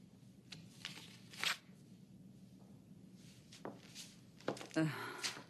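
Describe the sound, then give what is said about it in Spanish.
A sheet of paper rustles and crinkles as it is handed over, in a few short bursts, a quick crackle early on and a busier flurry of handling near the end, over a quiet background. “¿Podría darme esa hoja de papel?”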